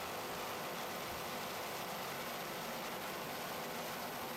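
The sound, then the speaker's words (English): A steady, dense roar of Carolina racing boat engines running continuously during a race at the World Championships in Key West, a broad rushing drone with no pauses or voices, sustained throughout. “Listen to those Carolina racing engines.”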